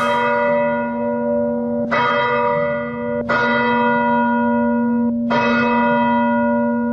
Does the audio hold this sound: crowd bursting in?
no